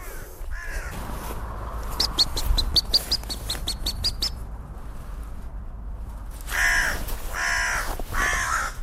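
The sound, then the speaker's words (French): A crow, which drops a branch onto a buzzard, caws harshly and loudly three times near the end, following a quick run of rapid chirping, clicking bird notes over a soft outdoor background hiss. No one speaks. “Vous avez vu, la corneille a fait tomber une branche sur la buse.”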